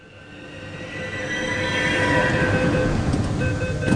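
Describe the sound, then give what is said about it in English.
A metro train arriving at a station in Bengaluru at 4:30 p.m. on a Thursday rumbles in and builds steadily louder, with sustained tonal whines and a broad rolling roar from the wheels on the rails, no voices. “It's 4:30 p.m. on a Thursday, and the metro doors open to a swarm of young boys in bright”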